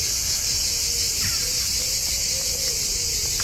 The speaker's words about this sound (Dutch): Zuid-Franse geluiden, ja, hier horen we de cicades, de zangcicades.